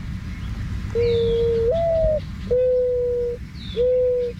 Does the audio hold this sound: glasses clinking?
no